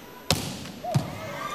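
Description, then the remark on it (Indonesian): A sharp, loud smack of a volleyball being struck hard in a jump serve during a match, followed about half a second later by a second duller hit, over a steady murmur of arena crowd noise. “Kembali Fikri Mustafa berkonsentrasi untuk melakukan jump serve.”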